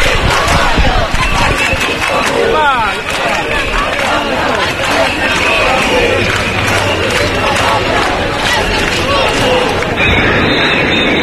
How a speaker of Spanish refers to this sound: Concretamente porque 25.000 personas se juntaron porque estaban ya hartas. Y sus gritos fueron estos.